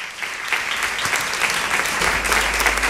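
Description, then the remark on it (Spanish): Steady audience applause at the Foro Flamenco for Luis Ibarra, director of the Bienal de Flamenco de Sevilla: a dense wash of many hands clapping at an even, fairly loud level throughout, with no voices standing out. “Les pido un aplauso para Luis Ibarra.”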